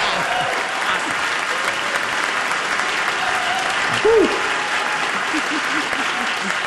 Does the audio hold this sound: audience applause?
yes